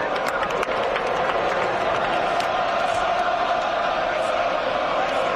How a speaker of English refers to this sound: Third rushing touchdown of the day as the Bama crowd mocks Florida State with a war chant inside of Bryant Denny Stadium.